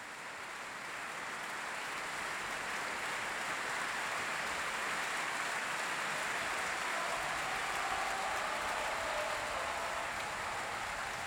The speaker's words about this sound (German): Hier live im großen Festspielhaus in Salzburg. Viel Applaus für den Solisten Augustin Hadelich, der sich hier solo verbeugt hat und auch seine Geige noch einmal präsentiert hat.